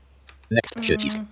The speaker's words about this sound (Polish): Ale poczekaj, klikasz ty i zaznaczasz to enterem, spacją, ten język enterem, na liście? Enterem.